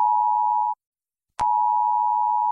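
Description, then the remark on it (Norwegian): A loud, steady electronic alert tone from a mobile phone emergency alert test, announced by the police and civil defence for 10 June at 12 o'clock, sounds alone, cuts off for about half a second, then resumes after a sharp click and holds at the same pitch. “10. juni klokken 12 testes nødvarsel på mobil.”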